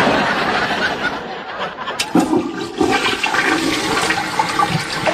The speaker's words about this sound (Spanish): Ya está. Tiremos de la cadena.